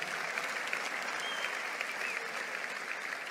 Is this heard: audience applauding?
yes